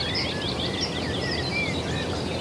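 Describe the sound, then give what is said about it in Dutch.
A female cuckoo's rapid, bubbling laughing call, as a male and female cuckoo chase each other, mixes with other chirping birdsong over steady outdoor background noise, continuous throughout. “Dat lachende geluid, dat kek, kek, kek, kek. Ja. En de koekoek.”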